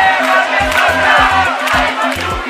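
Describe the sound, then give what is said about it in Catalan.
A large housing protest crowd in central Barcelona, put at 120,000 people, chants slogans such as «Volem el que és nostre, aigua, llum i sostre» in loud, unified rhythm, many voices blending into a steady roar, with deep regular beats pulsing underneath throughout. “És la xifra de manifestants que els sindicats d'habitatge consideren que ahir van ocupar el centre de Barcelona i van llançar proclames com «Volem el que és nostre, aigua, llum i sostre».”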